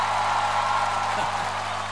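A crowd at a music party applauds itself for knowing the songs well, with dense, steady clapping that fills the whole two seconds at an even, fairly loud level and never tapers off.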